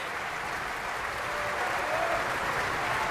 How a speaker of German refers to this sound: Michael Volle hier, der seinen Applaus entgegennimmt.